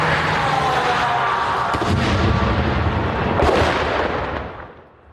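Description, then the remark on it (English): A loud, close explosion, apparently targeting an armoured vehicle in Ukraine, roars through a dense, rumbling wash of noise, with sharp cracks and scattered clatter of shrapnel striking tarmac before the din gradually fades away at the end. “That was close, loud. You could hear the shrapnel landing on the tarmac, clearly targeting that armoured vehicle.”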